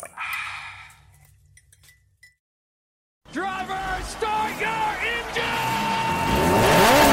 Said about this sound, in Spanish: Se encienden los motores. Daniel Cortés y Henry Díaz aprietan el acelerador a fondo.